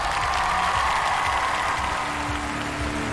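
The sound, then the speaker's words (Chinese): A large audience applauds steadily to welcome 100 international public judges at a music competition, a dense, even wash of clapping that holds at a constant level for the whole stretch, with a faint low tone humming underneath. “接下来让我们欢迎来自全球各地热爱音乐的100位国际大众评审，掌声欢迎各位。”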